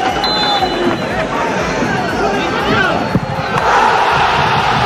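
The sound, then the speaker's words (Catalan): A stadium crowd at Sabadell's new Creu Alta erupts in euphoric roaring and cheering after Urri's 89th-minute penalty goal against Córdoba, a loud, sustained wall of voices with scattered shouts and a few sharp claps or thuds rising out of the din. “Tres a dos, ahir contra el Córdoba, amb un gol de penal d'Urri al minut 89 i que va fer esclatar, com escolteu, d'eufòria la nova Creu Alta.”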